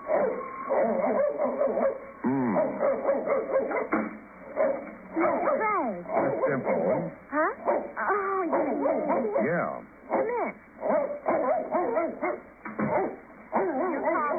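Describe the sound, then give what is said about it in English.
A dog barks and yips excitedly in a rapid, uneven series of sharp calls, fairly loud, with whining pitch swoops between barks and voices talking underneath. “could you quiet that monster? That's Caesar.”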